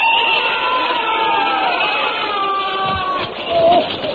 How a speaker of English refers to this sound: I was rather shaken by that terrible noise. What are they doing out there? Bayonet practice, of course.